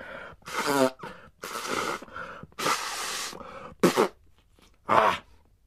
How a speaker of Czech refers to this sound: No, a potom si jeden klokan dokonce vyndal kapesník z kapsy a hlučně se vysmrkal.